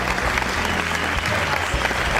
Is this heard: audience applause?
yes